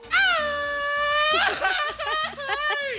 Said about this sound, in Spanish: A ver, aviéntate un grito mexicano,